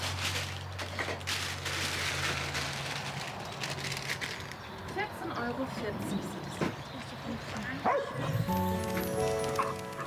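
A dog that has just been fed barks in short, sharp bursts over a busy, noisy background, with a few higher whining or yipping tones toward the end.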